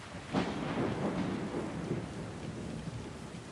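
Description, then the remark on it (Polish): A thunderstorm over Rome with steady, hissing rain and a deep, rolling rumble of thunder that swells early and lingers in the low end. No voices, just the storm. “Nad Rzymem przetacza się burza.”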